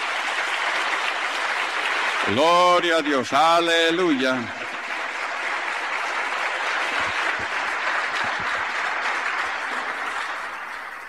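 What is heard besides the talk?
church audience applause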